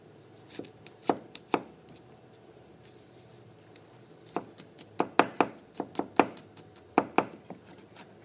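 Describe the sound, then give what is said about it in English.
A knife chops garlic on a cutting board for a tahini sauce, in sharp, percussive taps: a few spaced strikes, a pause, then a quicker irregular run of chops. No one speaks. “We're going to just chop it up, and we're going to saute this.”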